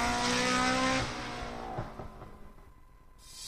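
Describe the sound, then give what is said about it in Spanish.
A rally car engine at the 8th Rally Barbastro in Alto Aragón revs hard and loud for about a second, then eases off into a lower, fading rumble with a few sharp pops and crackles, no voices present. “Octavo Rally Barbastro. El espectáculo del motor vuelve al Alto Aragón.”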